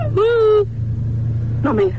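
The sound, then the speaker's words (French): A steady low engine rumble drones throughout, as from inside a running car, while a voice cuts in over it twice in short bursts. “on est là, on est dans la voiture.”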